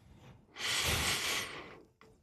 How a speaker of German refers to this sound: Du musst am Schluss nochmal, wenn du die Nase einschnaufen, musst du nochmal ein bisschen einschnaufen durch die Nase. Das ist so eine Otimiebung. Dann bleibt es länger im Kopf. Und dann wieder raus.